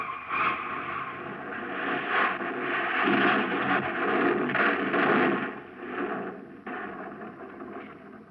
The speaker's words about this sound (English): I gave a terrific pull on the lug wrench. The car rolled off the jack and went into motion. I yelled just for effect, but it was only a few feet to the edge. The car shot over, hit a ledge about 20 feet below, and then crashed on down to the bottom.